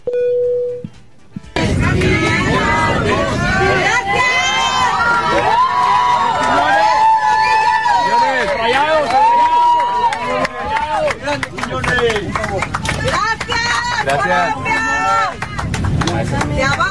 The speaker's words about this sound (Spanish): un momento único se vivió en un vuelo comercial, normal, cuando la gente se dio cuenta de que alguien especial volaba ahí. Julián Quiñones iba a bordo. Y chequen nada más la ovación que se llevó por parte de los pasajeros mexicanos.